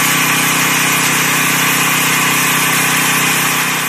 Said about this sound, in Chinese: 在谯城区双沟镇，种粮大户刘芷正利用无人机对自家的玉米及时进行飞防。